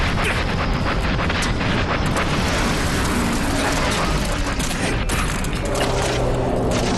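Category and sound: vehicle, enemy aircraft flying overhead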